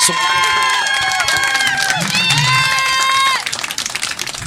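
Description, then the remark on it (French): An audience including parents claps steadily and loudly for children who have just answered interview questions for a radio show, high-pitched cheering and shouting voices rising above it, before the applause thins out into scattered claps at the end. “Ben oui, applaudissez-les quand même.”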